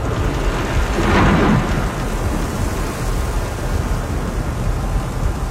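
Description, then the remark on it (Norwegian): A storm at sea roars steadily and loudly throughout, a dense rush of wind and rain tearing at a ship's sails, swelling into a stronger gust early on before settling back to a constant wash of noise. “De mørke skyene kom nærmere og nærmere, og vinden begynte å ule rundt dem. Bølgene vokste og vokste, vinden rev og slet i seilene, og de skjønte jo etter hvert at dette ikke var noe vanlig uvær.”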